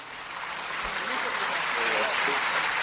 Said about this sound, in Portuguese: Aquele aplauso para ele.